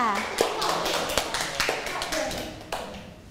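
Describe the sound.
A group of children clap together in a loose, uneven patter of sharp hand claps, with a few louder claps standing out over the continuous scattered applause and a murmur of voices.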